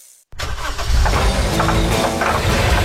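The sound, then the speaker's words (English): After a moment of silence, a vehicle engine cranks and catches, then settles into a loud, steady, rumbling idle. “That's your vehicle.”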